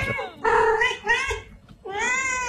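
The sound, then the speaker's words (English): A chocolate point cat meows three times: a wavering first call, a long loud middle meow, and a final drawn-out cry after a brief pause. “You know your cats, and you know this cat was a chocolate pointer.”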